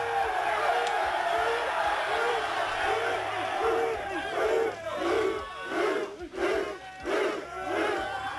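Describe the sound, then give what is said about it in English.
A team of men whoops, shouts and hugs together in the locker room after a 38-37 overtime road win, a loud, sustained celebration with rhythmic bursts of chanting-like yells rising and falling throughout. “In the locker room afterwards, they were pretty excited. Fighting lines. Road win. Not easy. Hugging, cheering.”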